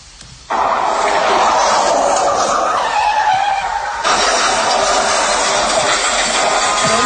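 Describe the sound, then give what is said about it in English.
A loud, abrupt screech of skidding car tyres in a car crash bursts in and holds for several seconds, harsh and noisy, with a slight shift partway through; no talking. “I just did a car crash.”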